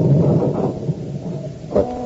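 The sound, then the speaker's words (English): Deep, continuous thunder rumbles through a storm in the evening, loud, rolling steadily before a brief swell near the end. No voices are heard. “And outside of the storm, it's just as black.”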